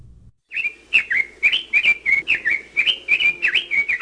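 A small red-billed leiothrix, a non-native bird living in Hawaii, sings a fast, continuous run of clear, bright whistled notes, loud, warbling up and down without pause after a brief quiet start.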